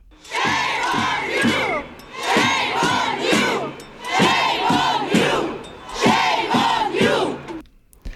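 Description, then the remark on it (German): A large crowd of hundreds of demonstrators on the Bundesplatz in December chants in unison, loud, repeating the same rhythmic phrase four times in steady, evenly spaced bursts. “Das sind Aufnahmen vom Dezember. Hunderte Menschen demonstrierten auf dem Bundesplatz.”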